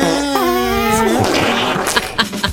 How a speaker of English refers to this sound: Maybe too many farts. No, it was just exactly enough.